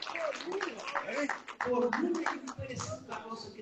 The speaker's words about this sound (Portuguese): Cadê as palmas? Glória a Deus, gente! Aleluia!